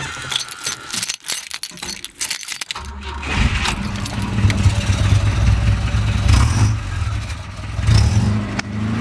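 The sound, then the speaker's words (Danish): Keys jingle briefly, then a classic Volvo Amazon car engine turns over and starts, settling into a steady, low rumbling idle that swells with a rev near the end. “Skal vi ikke også lige høre den?”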